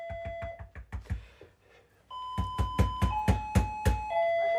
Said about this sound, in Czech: nezvoní někdo? Ne, vůbec ne. Přece slyším, že někdo zvoní, ne? A jo.